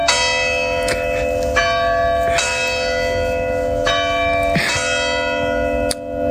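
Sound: church bells ringing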